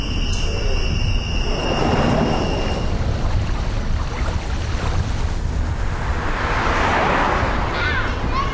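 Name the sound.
motorcycle passing by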